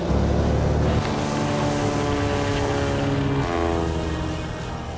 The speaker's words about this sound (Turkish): İçeride sadece avcılar ve en değerli ekipmanları varken Jim yeniden uçağa tam gaz veriyor.